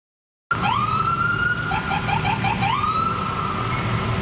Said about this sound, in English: That was the sounds of sirens from police cruisers from Montreal's South Shore municipalities making their way all the way up to Station 26 in Côte-des-Neiges.